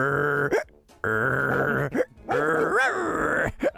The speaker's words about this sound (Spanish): De fondo se escuchaba el ladrido del perro que hacía lo siguiente.